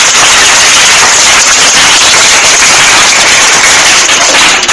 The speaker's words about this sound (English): Yes, you? E, 5. E, 5. Round of applause.